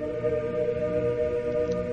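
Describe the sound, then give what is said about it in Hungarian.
A deep, heavy, newly hung bell, rung by pulling its clapper rope, rings on in a sustained, resonant hum over a hushed crowd, its many layered overtones holding steady and fairly loud for the whole stretch with no voices. “Hatalmas erejű, mély tömör hang válik el lassan a megremegő harangtesttől, és igézőn úszik el az elnémult sokaság feje fölött.”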